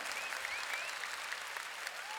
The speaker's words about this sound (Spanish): Fuerte aplauso para el número uno.